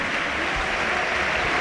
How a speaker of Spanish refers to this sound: Tony Martínez aplaude Mendizorroza, se va ovacionado y vamos a ver si no es grave el delantero.